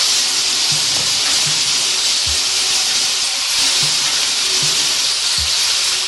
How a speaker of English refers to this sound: First of all, let's empty this week's songs into the shuffle drum. They are now in there, and now let us shuffle them.